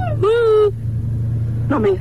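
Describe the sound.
A steady low engine rumble fills the inside of a car, droning evenly throughout while a person speaks briefly over it in two short bursts.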